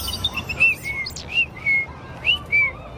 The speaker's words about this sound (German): Das war kein Spatz, das war so ein kleiner Piepmatz mit ganz roter Brust. Ach, dann war das ein Rotkehlchen. Von denen hauen einige im Winter ab in den wärmeren Süden. Im März kommen sie zurück.